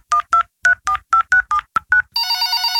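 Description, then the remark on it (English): About nine quick, evenly spaced telephone keypad tones beep in a steady rhythm as someone calls home, then give way to a continuous, buzzy ringing tone as the call connects. “I'm calling home on Liam now.”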